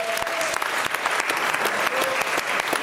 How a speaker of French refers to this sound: On peut applaudir Bruno Coppens.